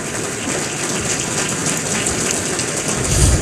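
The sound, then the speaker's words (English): An audience at the Akron Roundtable Signature Series Luncheon applauds the guest and the moderator in a dense, steady wash of many overlapping claps that holds for a few seconds and swells slightly louder at the end, with no talking. “If we would celebrate them with a round of applause, please.”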